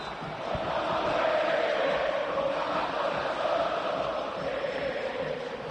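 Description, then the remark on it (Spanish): A huge crowd of River fans at the Monumental stadium chants a war cry together in a steady, dense roar, with a mid-pitched band of voices sustained over the whole stretch and no break in the noise. “Escucha, escucha el Monumental cómo está,”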